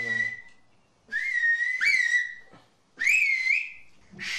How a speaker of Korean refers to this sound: 학교에서는 휘파람 언어를 정식으로 가르치고 있지 않아